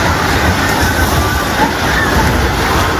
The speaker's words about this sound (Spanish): ¡Está temblando, hijo! Miren cómo está eso. Se acaban de caer edificios.